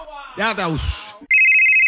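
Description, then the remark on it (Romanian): A person speaks briefly, then a telephone starts ringing: a loud, steady, high-pitched electronic trill that holds unbroken to the end. “Hei, te sună marea.”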